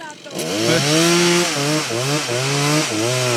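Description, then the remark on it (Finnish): A chainsaw engine buzzes steadily and loudly as someone saws wood with it, its pitch dipping and rising in a few revving surges over about three seconds. “Annat sen soida vaan lisää, niin kuin sen sahan.”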